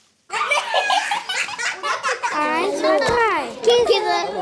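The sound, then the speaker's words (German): A loud jumble of children's voices in a Juniorklasse classroom at the Vogelstangschule in Mannheim, Germany, several kids shouting, chattering and laughing over one another in high-pitched bursts without pause. “Und dabei kann es auch mal ganz schön laut werden, habe ich gemerkt.”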